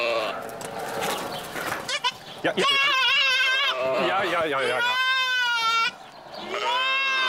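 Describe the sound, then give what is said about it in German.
A young goat kid bleats loudly and repeatedly in wavering, high-pitched cries, calling for its mother, with a person's voice briefly heard near the start. “Ja, Ziegen sind so ein bisschen wehleidig manchmal.”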